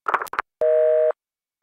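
A short clatter like a receiver being picked up, then a telephone busy signal: a steady electronic tone pulsing on and off with even pauses, clear.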